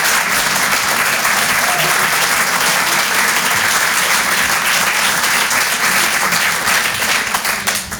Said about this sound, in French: Eh ben montrez-le-moi, bordel, j'entends rien du tout, faites-moi péter cette salle. Alors, ça va l'applaudissement? Ça va les auditeurs?